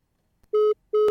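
Two short, steady electronic telephone ring tones sound in quick succession on a call-in line, buzzy and fairly loud, separated by a brief pause, with no voices.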